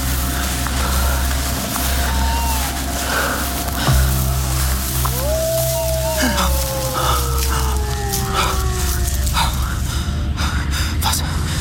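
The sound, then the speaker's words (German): A long, mournful hound howl swells and then slowly sinks in pitch over a steady low rumble of wind, with a few fainter cries around it, heard at night on a moor. “Das Heulen schien von dort drüben gekommen zu sein, nicht?”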